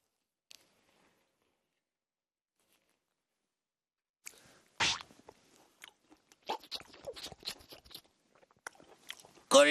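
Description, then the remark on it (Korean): Juicy biting into a single tangerine segment, followed by several seconds of wet, squishy chewing with irregular crunchy bursts, loud and alone after a quiet start. “귤 한쪽만 먹을게요.”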